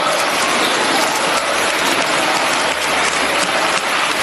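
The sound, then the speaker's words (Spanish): Sustained applause in a parliamentary chamber, an ovation for Santos Cerdán prompted by Zapatero, a dense, loud, steady clatter of many hands clapping with no speech over it. “O esta ovación que impulsó Zapatero a Cerdán cuando ya le rodeaban las sospechas de corrupción.”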